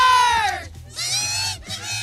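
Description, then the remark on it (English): A loud hockey crowd roars and screams in an arena in Ottawa during a Walter Cup playoff game, as Ottawa tries to force a Game 5. The cheering surges in three waves with many voices shrieking at once. It dips briefly between swells and never falls quiet. “looking to be crowned Walter Cup champions, Ottawa vying to force a Game 5 with a noisy crowd to back them up.”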